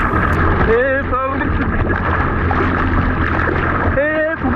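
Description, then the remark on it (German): A swimmer cries out in distress in the Baltic Sea off Warnemünde, Germany, during a water rescue training exercise, amid loud, constant wind and rushing seawater, with strained shouts near the start and again at the end. “So könnte es klingen, wenn ein Schwimmer in der Ostsee vor Warnemünde in Not gerät.”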